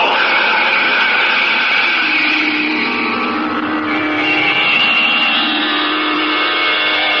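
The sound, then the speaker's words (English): A loud, continuous engine roar, dense and steady with shifting harmonic tones, as a rocket blasts off, its exhaust spitting smoke and flame while it hovers over the ground, then quickly accelerates into the night sky; no voices present. “Its exhaust tube spitting smoke and flame, the rocket hovers over the ground for an instant, then quickly accelerates, and at a speed of 5,000 miles per hour, it arrows into the night sky and disappears from view.”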